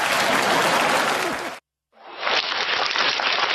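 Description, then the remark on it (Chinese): Loud, dense applause from a large crowd at a Chinese crosstalk (xiangsheng) comedy performance, a steady wash of many hands clapping that cuts out for a brief moment of silence, then swells back up just as strongly. “大家伙掌声这么热烈啊，这说明都是我们相声演员的朋友， 都是我们的知音。”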